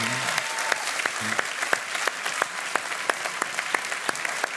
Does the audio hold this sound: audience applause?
yes